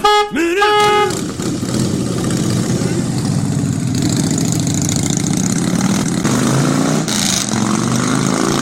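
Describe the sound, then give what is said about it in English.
A motorbike engine idles with a steady, throbbing low rumble that holds for several seconds, opening with a brief rising tonal whine before settling into an even, loud chug. “Hang on, I'm on my bike.”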